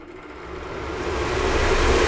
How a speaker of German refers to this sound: So, wir machen hier jetzt ganz schnell mal den Venti an.